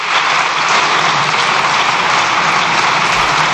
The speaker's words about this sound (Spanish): Se extienden los diputados en el aplauso.